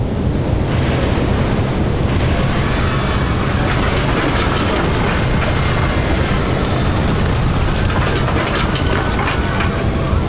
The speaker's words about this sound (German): Wie es scheint, wurde die Kraft des erzeugten Windes etwas unterschätzt, denn nach und nach lösen sich die Schneidzinger Häuser aus ihren Fundamenten und fliegen in die Ferne.